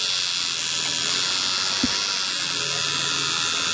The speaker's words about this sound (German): Klingt so ein bisschen wie meine elektrische Zahnbürste. Ist aber eine Tattoo-Nadel.